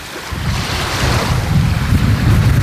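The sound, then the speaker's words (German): Steady wind buffeting the microphone over a continuous wash of waves at the water's edge of the beach at Sandwig, Glücksburg, facing the sea toward Denmark; a broad rushing roar that swells slightly louder toward the end, with no voices. “Wir stehen am Strand von Glücksburg in Sandwig an der Wasserkante. Vor uns liegt Dänemark und wir schauen aufs Meer.”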